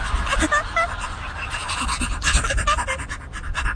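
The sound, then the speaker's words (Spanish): Dogs pant rapidly and steadily, breathy bursts repeating throughout, with a few brief high whines mixed in. No one speaks. “De repente divisaron un par de perritos.”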